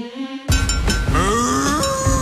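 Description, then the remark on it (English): A cow lets out a single loud, drawn-out moo that starts abruptly and slides upward in pitch, prominent, with no talking over it. “Every hour today, when you hear Bessie the Cow, you have to call me on 131065.”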